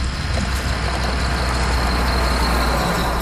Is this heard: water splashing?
no